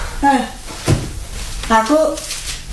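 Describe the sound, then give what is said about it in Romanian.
A wardrobe door being handled, with one short wooden thump near the start, between bits of indistinct voice. “Vin aici la ușa dulapului.”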